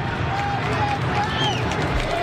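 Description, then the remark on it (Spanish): A large stadium crowd at Colo Colo's Monumental stadium applauds as the team reappears on the pitch, in a dense, steady roar of clapping and cheering, with faint high whistles drifting over the continuous wash of noise. “De hecho, los aplausos que ustedes escuchan en el ambiental de Cooperativa que maneja Pedro Fuentes acá en el estadio de Colo Colo es porque el equipo acaba de reaparecer en el terreno de juego sin cambios”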